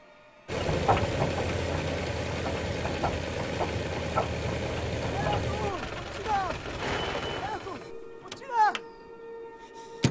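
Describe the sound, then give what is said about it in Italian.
A car engine kicks in abruptly and runs with a loud, steady rumble for several seconds, then drops to a quieter idle while other brief sounds and voices come and go. “Il signor Danielson è ferito, ci serve l'auto!”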